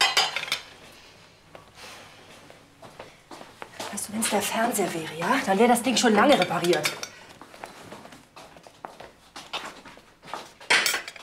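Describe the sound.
Dishes and cutlery clink and clatter repeatedly in a kitchen sink as they are washed by hand because the dishwasher is broken, with a person talking over the sharp, irregular knocks of plates and utensils.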